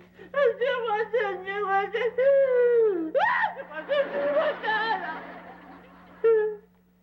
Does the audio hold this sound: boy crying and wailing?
yes